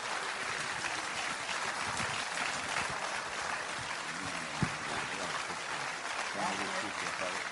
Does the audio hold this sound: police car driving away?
no